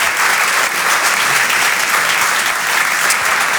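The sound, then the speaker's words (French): Loud, sustained audience applause for comedian Flora Amara at the Rire et Chanson Comedy Club: dense clapping from many hands forms a steady, hissy roar that holds evenly from start to finish with no pause, no cheering, and no talk over it. “Vous pouvez l'applaudir très très fort, Flora Amara sur Rire et Chanson.”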